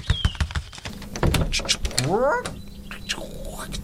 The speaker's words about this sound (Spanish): déjame, voy a abrirte la puerta.